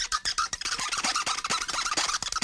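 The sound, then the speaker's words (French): A plastic straw squeaks and scrapes against a tumbler lid in a rapid, continuous run of harsh, high-pitched rubbing strokes, loud and steady with no voices. “Le bruit qui fait ça. C'est là. La paille.”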